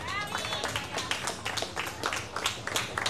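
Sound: applause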